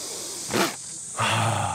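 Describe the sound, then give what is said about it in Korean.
A steady, high-pitched buzzing drone of cicadas in hot air runs throughout, briefly swelling in the middle and growing louder near the end over a low, rumbling undertone. “빼놓을 수 없는 매미 소리.”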